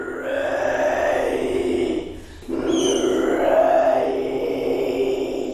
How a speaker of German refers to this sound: Ihre unheimlichen, knurrenden Kehlgeräusche verschlagen einem die Sprache.